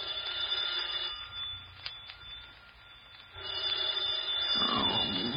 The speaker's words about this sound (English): I was working on my fifth drink when the phone rang.